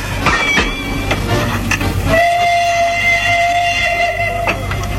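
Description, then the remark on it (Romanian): A train at a station, with a steady low rumble and clanking, then a long sustained whistle tone sounding over the noise for a couple of seconds. No one speaks. “Cununia s-a făcut repede, după câteva zile, într-o sâmbătă, și de la ofițerul stării civile ne-am dus de-a dreptul la gara ca să-i conducem pe tinerii căsătoriți.”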